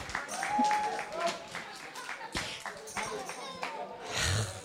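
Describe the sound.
A crowd applauds with steady, dense clapping for several seconds for a guest from Flanders, Belgium, at a Fête des ondes event, and voices murmur and call out beneath the noise.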